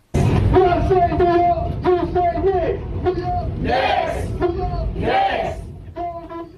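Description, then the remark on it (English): A New York subway car full of Knicks fans, led by the train conductor, chant and cheer together in loud, rhythmic bursts after an NBA Finals Game 4 comeback win, voices echoing in the enclosed car with brief shouted peaks. “That was a subway car full of New Yorkers cheering on the Knicks, led by the train conductor.”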